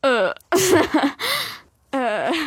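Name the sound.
person imitating a raccoon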